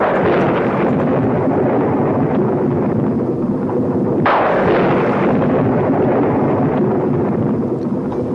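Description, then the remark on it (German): Thunder rumbles steadily and loudly throughout, with a sharp crack at about the midpoint that rolls off into a deep, drawn-out growl. No voices are heard. “Der Donner grollt hier am Geburtstag,”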